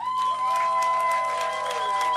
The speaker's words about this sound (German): Ihr müsst ein bisschen lauter klatschen.